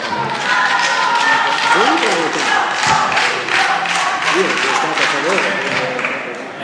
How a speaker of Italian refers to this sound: Dopo l'applauso possiamo andare avanti.